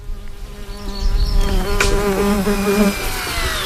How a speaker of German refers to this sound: In der Ostukraine gibt es mittlerweile eine Drohneneinheit, die die russische Logistik Tag für Tag angreift und in der nur Frauen arbeiten. Gestartet werden die Drohnen dabei mitten im Feld oder in einer Wiese.